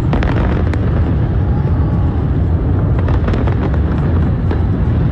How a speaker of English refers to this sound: But there were two fires on the bridge. The flames broke out on the Brooklyn Bridge during the fireworks show.